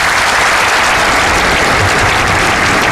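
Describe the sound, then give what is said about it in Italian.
Sustained applause from a large crowd in the Plaza del Cristo de la Laguna, Tenerife, at 12:31, as the Pope concludes his speech; a dense, steady wash of clapping that stays loud and even for the whole stretch, with no voices standing out above it. “Gli applausi che sentite sono quelli della Plaza del Cristo della Laguna a Tenerife alle 12:31.”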